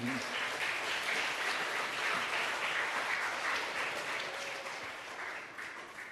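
Steady applause from an audience welcoming a speaker at an event, a dense wash of many hands clapping at once that holds evenly for several seconds and starts to ease slightly toward the end.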